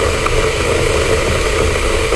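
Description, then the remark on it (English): An electric kettle boiling: a loud, steady roaring hiss over a low rumble that holds constant throughout, with no voices. “Sounds like a kettle to me.”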